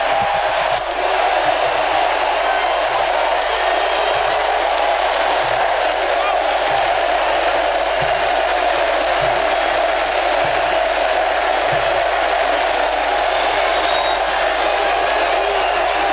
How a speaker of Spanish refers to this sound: Bueno, ovación para Leo, Otamendi adentro.